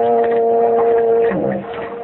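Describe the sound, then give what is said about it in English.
A foghorn sounds one loud, steady, low blast that holds for about a second before wavering and trailing off into a rougher rumble. “That was just a foghorn.”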